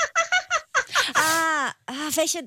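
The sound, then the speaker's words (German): A person imitates a hyena's laugh with a quick run of staccato whoops that rises into a long, wavering high cackle, then breaks into a few more yelping bursts, all loud. “Ist wirklich Hyäne, okay.”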